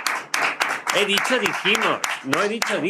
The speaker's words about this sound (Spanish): Todos, por favor, fuerte aplauso para...